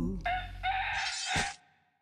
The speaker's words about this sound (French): Cocorico. Cocorico.